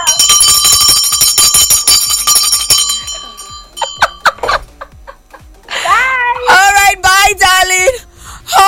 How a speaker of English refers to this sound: I want to hear the bell.